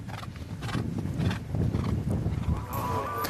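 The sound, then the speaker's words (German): Horses in a 100-kilometre endurance race at the World Nomad Games clip-clop steadily over the ground while one lets out a whinny near the end, the hoofbeats dense amid a busy outdoor din. “Die Wettkämpfe zielen darauf ab, die Ausdauer der Pferde zu fördern und den Reitern die Fähigkeit zu vermitteln, die körperlichen Möglichkeiten ihres Tieres richtig einzuschätzen.”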